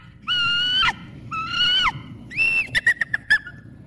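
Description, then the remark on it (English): A person imitates a bald eagle's call: two long, steady high whistles, each dropping at the end, followed by a rapid series of short chattering piping notes. “So show me the bald eagle first and then the red-tailed hawk. What do they sound like? All right, bald eagle.”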